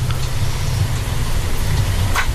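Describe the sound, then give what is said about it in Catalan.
Raindrops from heavy rain, blown by the wind onto a window: a few soft, irregular taps over a steady hiss and low rumble, with no one talking. “Sí, doncs és les gotes d'aigua que deu fer vent i arriba aquí una mica.”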